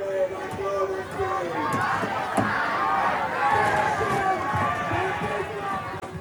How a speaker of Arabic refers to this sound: شهدت مدينة البندقية الإيطالية مواجهة بين متظاهرين مؤيدين للفلسطينيين وقوات الشرطة أثناء محاولة المحتجين الوصول إلى الجناح الإسرائيلي في معرض بينالي للفنون، وشارك المئات في المظاهرة رافضين رافعين الأعلام الفلسطينية ومرددين هتافات داعمة لفلسطين.